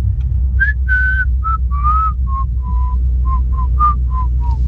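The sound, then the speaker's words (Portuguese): Several people whistle a melody together, about a dozen clear, short notes rising and falling in a steady rhythm, with a low, constant rumble of background noise underneath and no talking. “eles estão a dizer para nos sentirmos à vontade para adicionar assobiadores”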